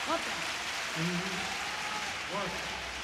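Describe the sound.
A stadium concert audience applauds during a song in a steady, dense wash of clapping that lasts throughout, with brief voices rising over the noise now and then.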